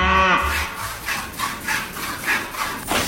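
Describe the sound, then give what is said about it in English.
A cow lets out a short, low moo at the start, followed by a steady series of rhythmic swishing strokes, like milk squirting into a pail, with no one talking. “going for her second tug of the udder of the cash cow.”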